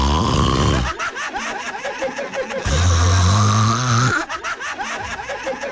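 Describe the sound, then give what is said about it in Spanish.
A voice imitates loud snoring in two long, rattling, throaty snores, the first at the start and the second after a short pause, with breathy, noisy sounds in between. “ronque y ronque la belleza.”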